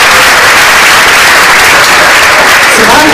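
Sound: applause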